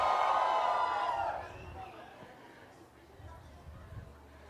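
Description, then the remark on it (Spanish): A crowd of children and parents at an anniversary rock concert lets out a loud, high-pitched scream and cheer for about a second, then the roar fades into a lower, steady murmur of chatter. “Que se escuche el grito de las niñas. El grito de los niños.”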